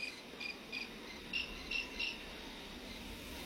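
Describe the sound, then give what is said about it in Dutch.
Several crickets chirp in short, repeated high-pitched bursts at a steady rhythm, fairly faint against a quiet outdoor background hiss. No voices are present. “Een soort insect. Een beetje krekelachtig. Dat zouden zeker krekels kunnen zijn. Het is er ook meer dan één.”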